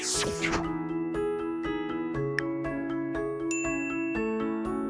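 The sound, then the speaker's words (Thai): A bright chiming bell tune rings out to signal that time is up for a drawing task, with a rapid series of clear, sustained tones, starting with a sharp burst and continuing steadily for several seconds at moderate loudness. “กริ๊งกริ๊งหมดเวลาแล้ว”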